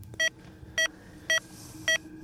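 Four short electronic beeps from a pulse oximeter supplied by Air Glacier, sounding a person's heartbeat at rest, evenly spaced at a steady resting rhythm, each a clear tone ringing over a faint low background hum; the pitch of the tone shows the blood's oxygen level in percent.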